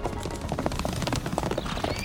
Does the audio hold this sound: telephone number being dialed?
no